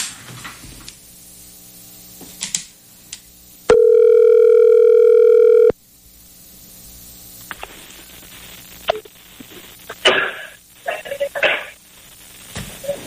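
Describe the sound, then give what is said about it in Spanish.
A telephone call rings once before being answered, a loud, steady electronic tone lasting about two seconds, surrounded by faint line hiss, clicks and rustling handling noises before and after. “Había que contestar de una. Pero es sí. El lag del teléfono, por favor.”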